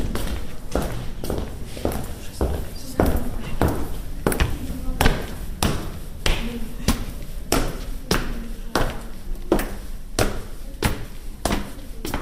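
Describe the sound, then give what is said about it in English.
Steady footsteps thud and scuff in a regular rhythm, fairly loud with a slight echo, as people climb a red-brick staircase inside a Teutonic castle in the small town of Rynn. “So now it's one of the staircases we take.”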